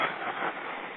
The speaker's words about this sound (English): I just saw a subway roll past.